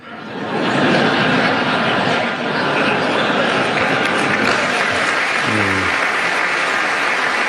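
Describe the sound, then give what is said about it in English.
A large audience applauds loudly and continuously during a speech by King Charles, a dense wash of clapping that swells in within the first second and holds steady, with a brief vocal whoop rising through it near the end. “Somebody hold up the applause, son.”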